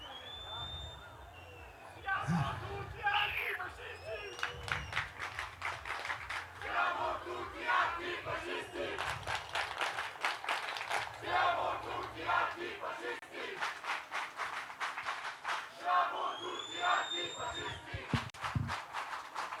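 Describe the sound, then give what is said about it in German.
A large crowd shouts together in loud, rhythmic bursts, a roaring chant of many voices that rises and falls steadily, with a few higher whistles cutting through over the din. “Und dass wir das hier schreien, ist natürlich eine sehr, sehr, sehr, sehr, sehr gute Sache.”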